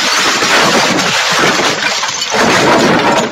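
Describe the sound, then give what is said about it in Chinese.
Loud window glass shattering as a big tree, split by lightning on a stormy night, crashes into a lakeside house, a dense, sustained burst of breaking and scattering shards that fills the whole moment with no voices. “故事开始的这个夜晚是一个暴风骤雨之夜，闪电甚至劈断了 David 家旁边的大树，那棵树顺势就砸进了 David 的家里，窗玻璃碎了一地，而 David 的画也被砸坏了。”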